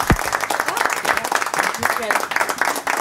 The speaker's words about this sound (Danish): Ja, ja, det var et okay bifald.